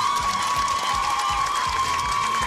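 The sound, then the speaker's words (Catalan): An audience applauds the contestants of the Picalletres quiz show, a dense, continuous wash of clapping mixed with crowd cheering that stays loud and even from start to finish, with no speech on top. “Per tant, un altre aplaudiment per a aquestes concursants, sisplau.”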